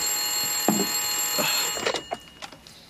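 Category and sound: signal or alarm, telephone ringing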